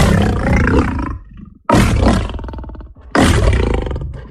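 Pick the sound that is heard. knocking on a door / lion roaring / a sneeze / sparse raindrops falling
lion roaring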